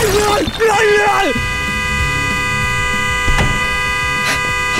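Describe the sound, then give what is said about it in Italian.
A loud car horn, set off by a person's head resting on it inside the car, blares for about a second at the start, its tone bending downward as it cuts off, followed by a steady hum and scattered background noise. “Scusi, sposto la testa che fa rumore con lo clacson, che c'è la gente che dorme.”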